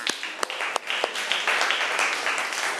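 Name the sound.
classroom applause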